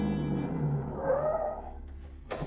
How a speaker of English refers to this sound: It's only a few minutes later that a car drives up.